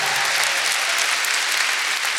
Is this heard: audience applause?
yes